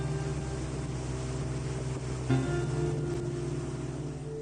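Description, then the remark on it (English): A patrol boat's motor drones steadily on a river, its low engine hum holding constant with a slight surge partway through, with water noise underneath and no talking. The boat is patrolling or responding to incidents on this stretch of river. “So we very consistently have one of these boats in this particular stretch of river most days.”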